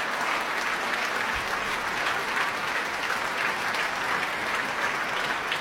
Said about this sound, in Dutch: Nou, als ik er zo tussendoor gluur, dan zie ik wel dat er diverse open doekjes worden gehaald. Door de solisten natuurlijk. Maar ook de leden van Amsterdam Sinfonietta delen in het applaus.